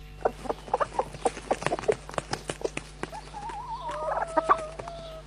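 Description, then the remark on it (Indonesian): A mother hen and a black rooster cluck in a quick, uneven series of sharp calls, followed by a few longer wavering, drawn-out cries, while the rooster scratches at the ground. No voices are heard. “Sedang apa induk ayam itu? Sedari tadi di situ.”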